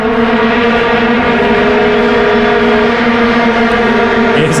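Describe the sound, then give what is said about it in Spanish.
A dense, continuous drone of many vuvuzelas blaring at once at a football match in Cape Town, South Africa, during the 2010 World Cup, a loud buzzing wall of sound like a swarm of hornets that holds steady throughout with no talking. “El sonido de las vuvuzelas, que...”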